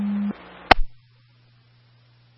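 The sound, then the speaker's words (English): A second set of radio paging tones: a short steady tone, a click-like burst, then a long, lower continuous tone that holds for nearly two seconds before a sharp cutoff. Loud, with no voices. “You can go ahead with a second set of tones.”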